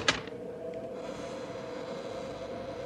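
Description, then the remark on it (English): A single sharp click as the door latch of a ramshackle building is tried and gives way, followed by a steady, droning hum that carries on underneath with no voices. “Let's try the door.”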